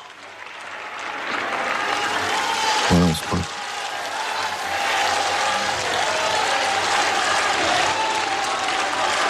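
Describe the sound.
A large crowd outdoors on the cathedral forecourt in sunshine cheers and applauds steadily as Pope Leo XIV greets those who followed the Vespers prayer from outside, a dense continuous roar of claps and voices lasting throughout, with a person speaking briefly over it near the start.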